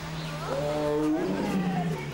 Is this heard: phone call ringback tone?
no